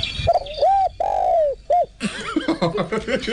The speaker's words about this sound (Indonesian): Ada bunyi dia ada tu kan. Ada bunyi burung terkukur.